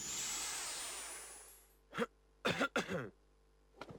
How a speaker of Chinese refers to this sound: 故意咳嗽了一声，快步走开。